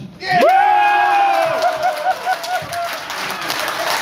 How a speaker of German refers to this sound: Jubel bei den Olympia-Unterstützern aus Schleswig-Holstein, die hier zusammengekommen sind.